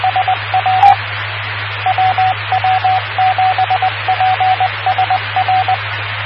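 A radio beep tone: a steady mid-pitched tone pulsing in short, evenly spaced beeps, in several quick runs over a constant static hiss and low hum, with no talking.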